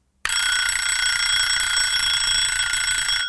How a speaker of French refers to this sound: 7h, le réveil sonne, mais ça fait déjà un bon moment que j'ai les yeux ouverts.